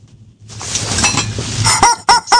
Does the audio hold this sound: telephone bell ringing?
no